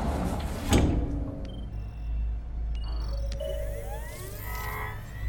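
A sliding glass door into a range room whooshes open with a quick airy swish, followed by a steady low mechanical hum, soft electronic beeps as a holographic keyboard is tapped, and gliding, rising synthetic tones. No one speaks.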